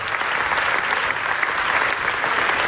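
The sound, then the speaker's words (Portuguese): A large audience at the Venice Film Festival in Italy applauds the first screening of an Israeli documentary about the killing of Palestinians in Gaza, a dense, even wash of many hands clapping at once, loud and sustained with no voices standing out; the film received 24 minutes of applause. “A produção NASA, exibida pela primeira vez, recebeu 24 minutos de aplausos.”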